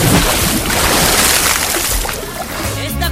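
A loud splash as someone dives into water, followed by a few seconds of churning, bubbling water that fades slightly before surging again.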